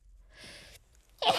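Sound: sneeze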